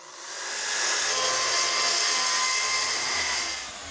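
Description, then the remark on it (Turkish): A power tool whines steadily as it cuts through the back panel of a door, a loud, high-pitched grinding that holds for several seconds before easing off slightly at the end, with no voices. “Şu anda kapının arka panelini kesiyorum.”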